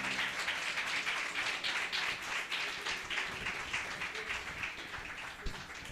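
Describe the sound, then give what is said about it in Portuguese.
An audience claps steadily together in praise of Jesus, a dense, continuous patter of many hands forming a bright, sustained wash of applause with no voices standing out. “Aplaude mais forte, que é para Jesus, ele merece.”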